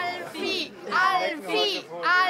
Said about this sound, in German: Ich höre hier Anfeuerungsrufe, aber die hören das nicht. Die haben nämlich gar kein Gehör.